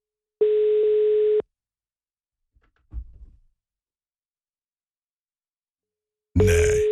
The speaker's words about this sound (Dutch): De telefoon gaat in ieder geval over, live.